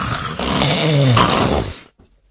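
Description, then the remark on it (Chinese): A man loudly imitates with his voice the thunderous snoring of Cheng Yaojin, sleeping soundly in the palace bedchamber, one drawn-out rasping breath lasting nearly two seconds before cutting off into quiet. “往里一迈步，嘿嘿，这位程大爷这呼噜打得震天，睡得真香啊。”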